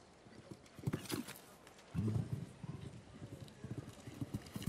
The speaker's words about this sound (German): Eieiei, da straft sie mich Lügen und das Pferd hier macht sich fast 5 Meter lang in der Galoppade.